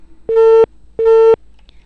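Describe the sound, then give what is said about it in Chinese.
Two loud, steady telephone busy-signal beeps, each about a third of a second long, separated by a short silence, heard when a caller's line to a live-streamed phone-in show had dropped. The tone is clear with no talking over it. “电话呢接到线上就听到的是盲音，可能信号有些问题已经掉线了。”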